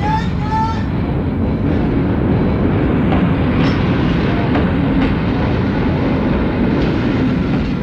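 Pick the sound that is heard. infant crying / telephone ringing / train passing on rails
train passing on rails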